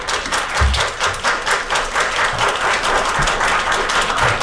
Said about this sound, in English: I'm not used to entertaining applause.